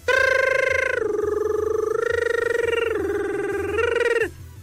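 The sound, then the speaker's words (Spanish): A dial-up modem, connected to a computer by a telephone cable, connects over a phone line: loud, buzzy electronic tones held steady and stepping down in pitch every second or so, then cutting off abruptly. No talking. “No, lo conectabas con un cable a la computadora, un cable de teléfono y se oía.”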